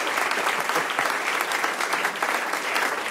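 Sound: audience applause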